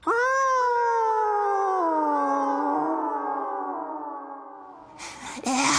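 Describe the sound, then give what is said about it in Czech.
A dog, after a door is slammed shut in front of its snout, lets out one long, mournful whine that holds steady and then sags slowly lower in pitch for about five seconds, loud and alone, before a short burst of rough noise cuts in. “Dveře zabouchnuty před čumákem a pes se smutným zavitím odchází do parku.”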